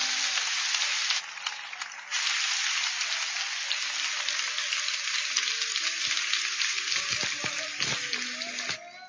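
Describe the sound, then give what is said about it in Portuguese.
An audience at a church service applauds loudly to welcome the pastor, a dense, steady wash of clapping that barely lets up for nine seconds, with a brief dip early on and faint voices calling out toward the end. “Vamos receber o pastor Wilson, assim como você está, com palmas bem fortes.”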